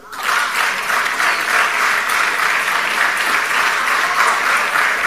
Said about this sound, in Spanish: No era para que aplaudieran, pero bueno.